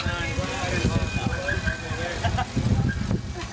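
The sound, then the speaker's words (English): A car rolls past on the road on the left, its steady low rumble and tire noise filling the short stretch, with faint rattling and indistinct voices mixed underneath. “Car on the left.”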